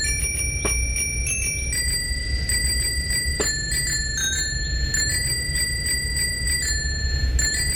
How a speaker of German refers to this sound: Genau, im Fahrradklingelquiz. Okay. Welcher Song hier wird hier geklingelt?